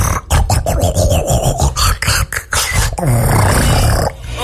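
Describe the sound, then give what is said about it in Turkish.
Snoring recorded at night with the SnoreLab app: loud, rough snoring with a deep, growling rattle, rumbling on for several seconds with a few brief catches and breaks, then a sharp cutoff near the end. “Öyle horluyorum.”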